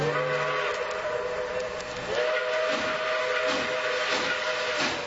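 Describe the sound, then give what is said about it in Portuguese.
A steam locomotive (a Maria Fumaça train) crossing the mountains of Minas Gerais, Brazil: its whistle blows a long, steady tone over a constant loud hiss of escaping steam, with rhythmic chuffing pulses building up beneath it; no one speaks. “É, ouvinte, a Maria Fumaça vem cortando as montanhas de Minas Gerais, mineiro não perde trem.”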